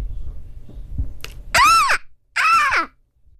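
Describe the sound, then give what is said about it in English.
A young girl imitates a seagull with two loud, squealing cries, each rising and then falling in pitch, separated by a short pause, after a moment of low background rumble. “I had a song today about a seagull, and I thought of someone who does a very good seagull impression, and that is my daughter,”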